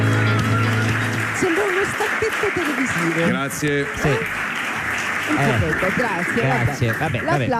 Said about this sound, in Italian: Molto carino, anche l'applauso. Sì. Anche... Cioè, non si capisce se l'applauso era alla musica o a Salvini.